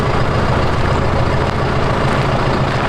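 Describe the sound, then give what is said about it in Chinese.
A heavy diesel tractor engine idles steadily, a loud, continuous low rumble with a regular throbbing pulse and no voices; the tractor is fitted with an electric steering wheel and a module for automatic driving. “这个拖拉机太威风了。”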